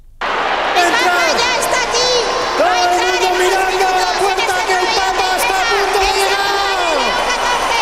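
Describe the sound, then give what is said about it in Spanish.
A crowd of about 8,000 people at the IFEMA fairgrounds in Madrid roars continuously as Pope Leo XIV enters in an open popemobile, with shouting, high cheers and whoops layered over steady clapping, loud, the noise swelling right from the start and never letting up. “I 8.000 persones cridant i aplaudint quan Lleó XIV ha entrat en un papamòbil descobert, sonaven així al recinte firal madrileny”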